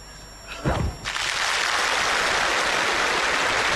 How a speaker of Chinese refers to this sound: 原子弹爆炸了，让他们多爆火。